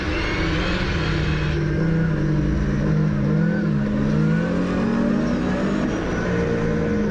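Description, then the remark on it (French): A rally car on rally tyres revs hard at high RPM as the driver pulls the engine, a loud, continuous roar with rising and falling pitch, no speech over it. “Après, il te faut tirer le moteur, tu vois. Tirer le moteur. Tire. 6, tu vois.”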